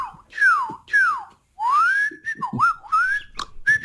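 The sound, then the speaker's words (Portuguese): A person whistles a birdsong imitation: two loud, swooping downward notes, a short pause, then a long rising glide that breaks into quick warbles and chirpy flourishes, with no talking. “E aqui vai o meu passarinho.”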